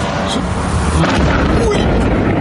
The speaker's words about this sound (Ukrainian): Під гуркіт вибухів та з густим чорним димом, що затягнув небо над Фінською затокою.